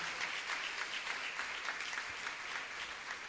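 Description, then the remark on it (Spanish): A crowd claps steadily throughout, a dense, even patter of many hands at a moderate level with no clear pauses, giving applause to the Holy Spirit. Nobody speaks over it. “Dele el aplauso al Espíritu Santo, al Espíritu de Dios.”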